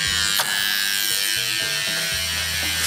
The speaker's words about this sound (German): Klingeln, damit sie uns aufdrücken kann.